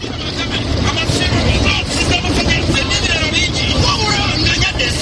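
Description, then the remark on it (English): A busy slum street in Mbuya, south of Kampala, Uganda, hums with steady traffic and engine rumble from trucks loading and offloading goods at small factories, while indistinct voices chatter throughout the constant, dense noise as women sell food to the truck drivers. “Women are selling food to truck drivers loading and offloading goods at the small factories nearby.”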